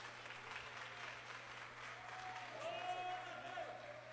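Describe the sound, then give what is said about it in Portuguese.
An audience claps hands in praise of Jesus, a dense, steady wash of applause for several seconds, with a faint whistle-like tone rising briefly near the end. “E as palmas glorificam o nome de Jesus.”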